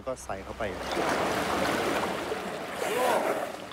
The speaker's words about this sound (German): Sie spielt gerne im tiefen Wasser. Andere trinken dort mit dem Maul, aber Gaina nimmt den Rüssel.